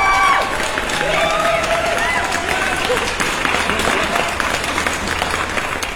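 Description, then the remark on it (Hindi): Loud, sustained applause from a crowd for listeners who gave correct answers in a music quiz, dense clapping filling the whole stretch with some cheering mixed in, steady in level throughout. “ये जोरदार क्लैपिंग्स आप सभी के लिए, क्योंकि आप सबने बहुत कम टाइम में सही जवाब दिया है।”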